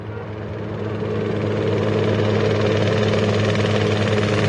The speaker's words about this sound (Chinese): 一架民航直升机慢慢地悬停在看守所空出来的操场上空。